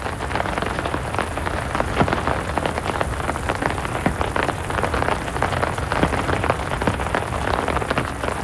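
Heavy raindrops pour down in a garden in a steady, dense patter, loud and continuous, with sharper individual drops cracking out above the constant hiss of rain.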